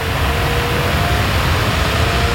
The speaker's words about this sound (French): Ça, c'est la clim, hein. Ça y est, on a branché la clim. Ah oui, le bruit de la clim que vous entendez derrière, c'est pour illustrer le thème de la pétition baptisée « Coupons la clim » à Yann Barthès.